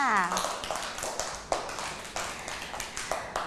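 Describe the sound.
A group of children clap for a classmate's finger drawing in sand, a loose, uneven patter of sharp, bright claps that carries on for a few seconds, with a brief voice heard at the start.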